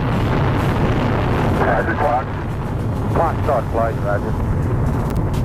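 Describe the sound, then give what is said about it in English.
A rocket launches from the pad at Cape Canaveral on July 16, 1969, heading for the moon. Its engine roar is a loud, steady, deep rumble filling the whole clip, with brief crackly radio-style voices breaking through partway. “And back in 1969, today is the day they launched off of the pad there at Cape Canaveral to head out to the moon for the first time ever”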